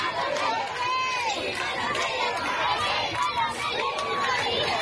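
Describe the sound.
A large outdoor crowd in sunshine in front of the Royal Palace in Madrid, Spain, cheers and shouts continuously for Pope Leo XIV as he passes standing in the popemobile, many voices rising and falling together with scattered clapping mixed into a dense, steady roar.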